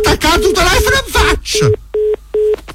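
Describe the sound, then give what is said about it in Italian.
A person talks briefly, then, after the other party hangs up the phone, a telephone busy tone takes over: short, steady electronic beeps repeating at an even, quick on-off rhythm, clear and fairly loud. “Mi ha attaccato il telefono in faccia.”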